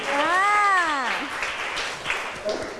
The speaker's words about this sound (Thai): โอ้โหคมมากเด็กๆปรบมือให้เพื่อนหน่อย